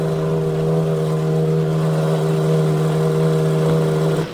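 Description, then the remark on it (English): Race car engines at the start of the 80th running of the Indianapolis 500 run in a steady, loud, droning hum, holding an even pitch throughout without revving up or down. No one speaks. “We have word that the drivers have been ordered to stop their engines.”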